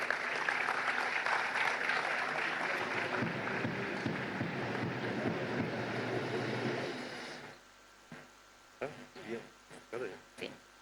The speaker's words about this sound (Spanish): Fuertes los aplausos.